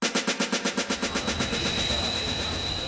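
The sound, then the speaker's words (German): A train rumbles past at Anhalter Bahnhof in Berlin, its wheels beating out a quick, regular clatter over rail joints for the first second before dissolving into a steady, broad roar with a faint high whine. “Anhalter Bahnhof, Berlin.”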